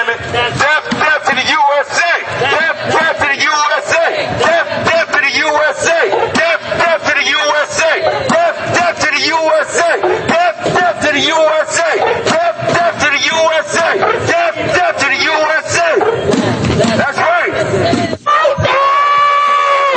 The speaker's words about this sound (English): and this is what they were marching through the streets, yelling and screaming through their megaphones on Independence Day. Death to the USA!